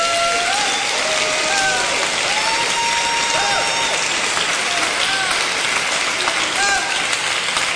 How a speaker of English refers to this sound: We give him praise. Come on and clap your hands and bless him.